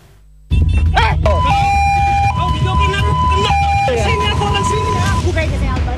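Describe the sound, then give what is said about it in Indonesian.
A loud ambulance siren wails in a steady two-tone hi-lo pattern as the ambulance goes to pick up a patient, starting abruptly and continuing throughout over rumbling traffic noise. “Pelaku menendang ambulans hanya karena tidak terima dengan suara sirene saat petugas ambulans hendak menjemput pasien”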